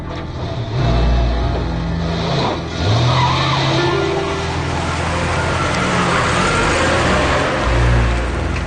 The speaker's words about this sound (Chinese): 他顾不上多想，便钻进了汽车，启动了汽车。